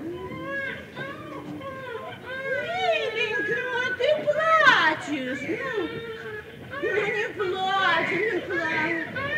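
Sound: small child crying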